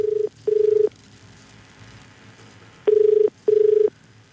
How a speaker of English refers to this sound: I think I might actually give Patrick a call now